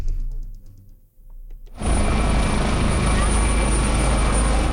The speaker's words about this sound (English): Rescuers continue to use helicopters to lift flood survivors to safety after this week's devastating flood tore through a mountainous region on the Nepal-Tibet border.